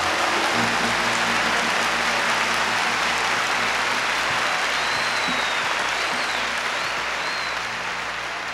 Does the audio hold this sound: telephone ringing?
no